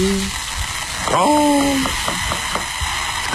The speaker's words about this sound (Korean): 동태전, 녹두전, 산적꼬치, 동그랑땡 부치는 소리 아니겠습니까?